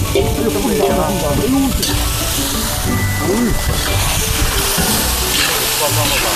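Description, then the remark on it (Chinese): Steady, loud sizzling as live loaches hit a hot pan in rural Northeast China, cooked simply with homemade Northeast-style soybean paste and chili, a continuous crackling fry that fills the whole stretch, with voices talking and exclaiming over it. “它是出水，咱们就撒完直接就下锅，没有那么多料，也没有什么烂糟味儿，就地取材，就是最原始的做法”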